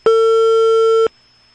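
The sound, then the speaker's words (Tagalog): A telephone ringback tone on an outgoing call to a barangay hall: one loud, steady electronic beep lasting about a second, clipped at both ends, followed by silence. No one speaks. “Nagbagting ang telepono sa barangay hall.”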